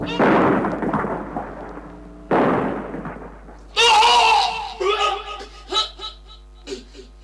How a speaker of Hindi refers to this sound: Major Sharma एक जगह magazine में गोलियां भर ही रहे थे कि दुश्मन का एक बम उनके बगल में पड़े एम्यूनिशन के भंडार पर आ गिरा।